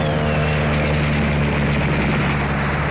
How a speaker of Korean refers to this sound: 비행기가 조공 비행을 하면서 기관총을 갈겼다.